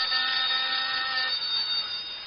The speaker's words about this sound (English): This phone's ringing.